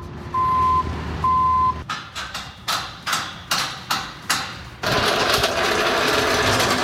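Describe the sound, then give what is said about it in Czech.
Construction site noise at the Vesec grounds in Liberec, where a festival park is being built: two steady reversing beeps over a low engine rumble, then a run of sharp, evenly spaced hammer blows, ending in a loud, continuous grinding roar of machinery. “Libereckým areálem Vesec zní zvuky stavby.”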